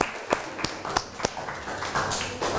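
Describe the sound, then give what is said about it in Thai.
Classroom applause for student representatives after their presentation: a few sharp, evenly spaced claps at first, then a thicker, continuous patter of scattered clapping at moderate volume, with no voices over it. “ขอเสียงปรบมือและขอขอบคุณตัวแทนนักเรียนค่ะ”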